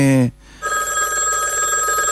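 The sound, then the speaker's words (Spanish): A telephone rings with a steady, bright electronic tone that starts after a brief voice and keeps going to the end, fairly loud. “¿Está sonando el teléfono? Sí, me parece que suena el teléfono.”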